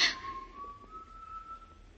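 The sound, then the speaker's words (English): A single sustained whistled tone, steady and slightly rising, carries for about a second and a half after a brief noisy burst at the start, fairly quiet over a low background hum. “Whistling.”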